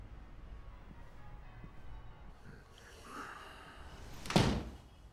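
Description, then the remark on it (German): A balcony door is pushed shut with a single solid thud near the end, preceded by faint shuffling and a brief creak of movement. “Aber unser Koch hier, der muss auf den Balkon gehen und die Tür richtig zumachen.”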